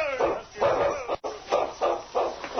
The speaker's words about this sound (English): The big dog barked, then started to the right through the deep snow.